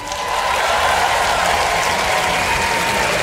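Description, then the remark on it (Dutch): A packed crowd in a tent at a big festival applauds itself at a band's request, a dense, even wash of many hands clapping at constant loudness throughout, with no voices rising above it. “Een groot applaus voor jezelf.”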